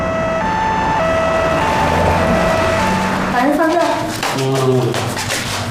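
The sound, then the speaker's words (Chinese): A two-tone ambulance siren, for an ambulance called to a seriously injured man, alternates steadily between high and low pitches, fairly loud, then people begin talking over it as the siren continues underneath. “哎，别套车了，叫救护车。”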